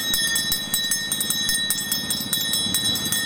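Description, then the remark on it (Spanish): An ice cream vendor's hand bell rings continuously with quick, repeated clangs, its bright metallic tones sustained throughout, fairly loud over a busy low rumble in the background. “La campana, tengo helado, bebida, patata, puto seco.”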